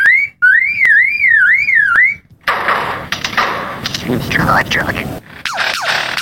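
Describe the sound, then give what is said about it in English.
A lyrebird mimicking mechanical noises, including the click of a camera: a loud wavering electronic wail like a car alarm, then harsh bursts of rapid clicks, rattles and mechanical crackling resembling shutters or gunfire. “The lyrebird is one of the best of all bird mimics.”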